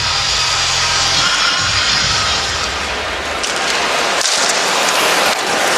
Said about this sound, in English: So this crowd has gone from being very impatient with this young Chicago team. Now they're back on their side, and you're starting to hear the cheers.